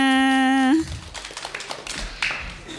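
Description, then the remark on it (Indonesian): A steady buzzing tone holds for under a second and cuts off, then children break into quick, scattered hand clapping, a dense patter of sharp claps that continues to the end. “Tepuk tangan semuanya.”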